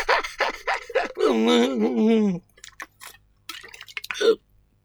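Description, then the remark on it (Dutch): Mineral water from Paris is poured, starting with a few splashy glugs and then a steady gurgling stream that tapers off, followed by scattered small clinks and drips. “Gewoon mineraalwater. Precies een Engelsje dat op het top pist.”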